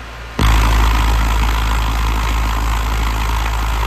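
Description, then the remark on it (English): Hazelnuts rattle on a vibrating speaker membrane, bursting in abruptly after a brief quiet moment into a dense, steady, dice-like clatter over a deep droning hum, loud and continuous with no talking. “And for this one that we're closest to now, we have hazelnuts that create also a really, it almost sounds like dice.”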